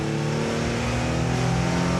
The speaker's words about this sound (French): Le moteur, il rugit. J'adore ce bruit. Vraiment, c'est un moteur très présent, qui donne beaucoup de plaisir à la fois dans la conduite mais aussi aux oreilles.